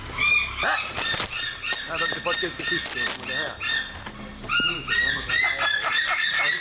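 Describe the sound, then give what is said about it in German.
A sea eagle in Germany flaps its wings in loud, irregular whooshing bursts. High, piercing bird calls and muffled voices run underneath throughout. “Der schönste Seeadler, was in Deutschland steht.”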